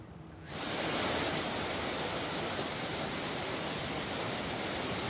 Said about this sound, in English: Of course, as you can probably see or hear the noise, we are now experiencing a torrential rain because Typhoon Bavi is expected to make its landfall along the coastal line here near Wenzhou in just hours.